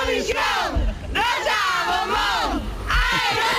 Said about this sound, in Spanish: Era el grito de guerra de los fans de Rosa de Operación Triunfo,